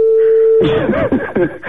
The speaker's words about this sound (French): Ça sonne. Vous entendez sonner.